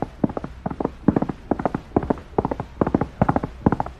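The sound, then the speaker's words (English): A horse's hooves clip-clop steadily as it comes up a trail in a brisk, rhythmic gait, the hoofbeats falling in quick repeating clusters, moderately loud, with no talking. “That bully's horse coming up the trail.”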